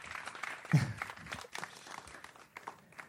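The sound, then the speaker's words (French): A short burst of applause from a small group during a radio show, a dense patter of claps that swells early and then thins out over a few seconds, with no one speaking. “On peut l'applaudir, même si on est à la radio.”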